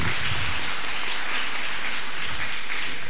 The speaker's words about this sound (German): Sie haben sich hier bereits auf der Bühne eingefunden. Applaus!